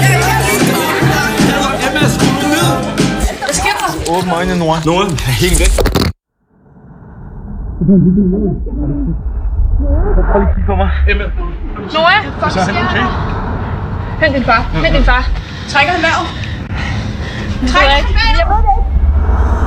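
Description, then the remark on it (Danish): A loud, lively party crowd of many overlapping voices shouting and chattering in celebration, with music-like tones at the start, a brief cut to silence as the party stops, then steady festive hubbub resumes. “Du kan høre, der er fest og glade dage.”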